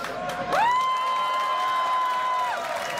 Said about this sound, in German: Kräftigen Applaus.